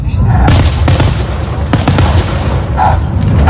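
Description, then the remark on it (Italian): Loud fireworks bursting in rapid succession over a small field, sharp cracks and booms overlapping with a constant rumbling din, continuous throughout with no pauses. “Secondo voi era giusto che quel cane stesse lì, proprio nel campino sotto questi fuochi?”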